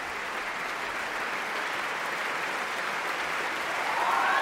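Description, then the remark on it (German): Sustained audience applause for stand-in performer Magnus Dietrich, a dense steady wash of many hands clapping at even loudness, swelling slightly near the end, with no voices standing out. “Und das hier ist der verdiente Extra-Applaus für Magnus Dietrich, den Einspringer heute.”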